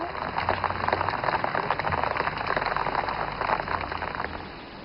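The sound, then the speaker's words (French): Steady rain falls, a dense, continuous patter that holds an even level throughout, with a faint low hum underneath and no voices. “C'est du Rani, elle dit qu'il pleut.”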